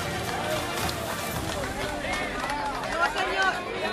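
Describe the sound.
A crowd applauds steadily, dense clapping filling the scene while many voices call out and chatter over it, loud and close throughout.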